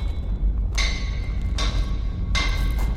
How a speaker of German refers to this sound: Wann immer der Hammer auf den Amboss niederfuhr, sprühten Funken. Das glühende Metall festigte seine neu gewonnene Form.